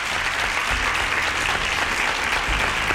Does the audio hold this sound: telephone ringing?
no